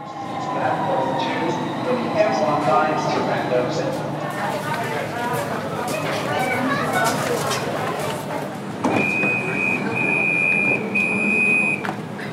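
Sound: metro train ride ambience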